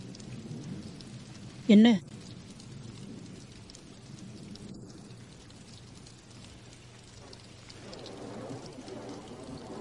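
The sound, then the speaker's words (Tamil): Steady rain hisses throughout a thunderstorm with lightning while low thunder rumbles underneath, with one sharp, loud burst early on; no one speaks. “இப்போதான் பயமுறுத்தும் மின்னல் எல்லாம் இருக்கும் போது பார்க்க நல்ல நேரம்.”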